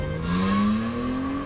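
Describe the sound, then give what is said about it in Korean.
A truck engine revs up steadily, its pitch climbing as the truck accelerates, loud and continuous with no voices over it. “트럭을 멈춰라!”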